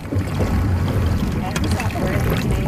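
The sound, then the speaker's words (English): A dragon boat crew paddles through water, with steady splashing and churning over a low, rumbling wind-buffeted background, while voices call out faintly amid the noise. “Everybody paddles up. And take it away.”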